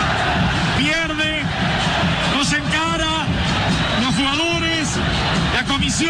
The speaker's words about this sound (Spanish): Creía que por primera vez, después de Pasarela, vuelve este grito al Monumental, gritando contra los dirigentes de River. Bueno, momento durísimo de River.